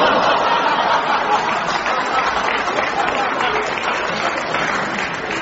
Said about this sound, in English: Compton, too, joined in the applause for this old Jimmy Wheeler joke.